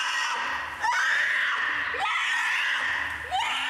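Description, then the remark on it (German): A polar bear cub at a zoo screams in protest as its mother clears away a piece of meat it was playing with, loud, with harsh, drawn-out wailing cries that swell and break into about three rising squeals, almost without pause. “Sofortiger Protest. Ein alter Eisbär. Ja, fein, so am Schreien hier.”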